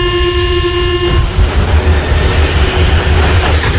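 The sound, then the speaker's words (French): A Paris metro train runs on its rails: a steady horn-like tone sounds for about a second, then gives way to a loud, continuous rumble and clatter of wheels, with no voices. “1900, inauguration du métro parisien.”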